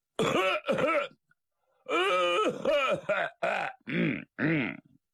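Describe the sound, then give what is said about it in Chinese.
A voice imitates a man's loud, booming throat-clearing coughs, made out of habit before entering a noodle workshop: two quick gruff bursts, a short pause, then a longer string of five rough, voiced hacks with a strong rasping pitch, no other sound around them. “他有个老习惯，进他们家也好，进粉房也好，未曾进屋先咳嗽，这叫亮嗓。他这声音还挺洪亮。”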